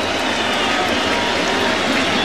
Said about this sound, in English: Crowd on their feet.